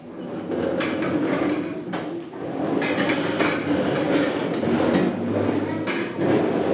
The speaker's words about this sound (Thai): ตอนนี้ขอให้นักเรียนทั้งต้นทางปลายทางยืนขึ้นครับค่อยๆเลื่อนเก้าอี้นะครับไม่ลากจนเสียงดังนะครับ